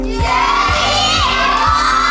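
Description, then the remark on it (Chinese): A crowd of children shouts loudly and continuously in support of a classmate during a school shouting contest. Their high-pitched voices blend into a sustained roar with steady, rhythmic pulses underneath, energetic throughout. “请把你的声音呐喊出来。”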